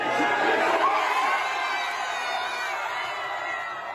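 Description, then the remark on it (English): A large crowd watching a screen at Bromsgrove Sporting FC in Worcestershire erupts in loud, sustained cheering and shouting at the final whistle of a Saturday night game against Norway, a dense roar of many voices that stays strong for several seconds before easing slightly toward the end. “We can hear the reaction of a crowd watching one of Sarah's screens at Bromsgrove Sporting FC in Worcestershire, right at the final whistle in Saturday night's game against Norway.”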